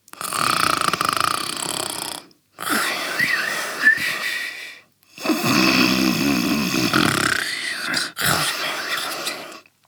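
Loud snoring from a father asleep on the floor, in three long, rasping breaths separated by brief pauses, the middle one gurgling and rattly, with no talking.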